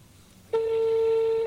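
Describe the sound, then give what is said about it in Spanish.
A single steady telephone ringback tone sounds for about a second over a faint background hum, starting and stopping abruptly, clear and fairly loud as if heard through the phone line, as a radio programme calls a contest entrant. “Atención, muy pendientes todos de sus teléfonos. Deben de contestar.”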